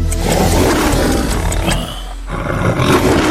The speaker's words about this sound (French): Dans les cinémas. Quand mais j'étais petite, ça me faisait peur. Exactement. Le lion sur fond noir, auréolé d'une pellicule de film doré qui rugit.